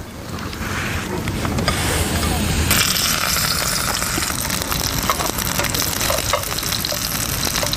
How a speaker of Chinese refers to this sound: 焯过水的甲楼叶包裹上虾肉泥，下锅小火煎制。甲楼叶的清香与虾肉泥的鲜香充分结合，特色虾肉就制作好了。